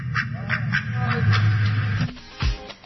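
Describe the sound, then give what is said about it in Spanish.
A duck quacks loudly and repeatedly in quick, raspy bursts, followed by a short hum and a final squawk. “Pues ahí está la famosa historia del Pato Merlín.”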